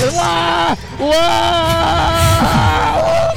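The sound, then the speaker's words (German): A person riding a fairground drop tower overlooking Hannover lets out two long, sustained, loud screams, the first breaking off briefly before a second, longer one that wavers in pitch as it goes. “Ich liebe diesen Schrei.”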